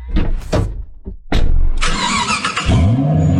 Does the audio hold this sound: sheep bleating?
no